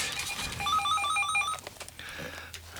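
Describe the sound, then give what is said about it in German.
A telephone rings with a rapid electronic trill, a burst of repeated high tones lasting about a second, followed by faint room noise and a low hum. “Es klingelt das Telefon an dieser Stelle.”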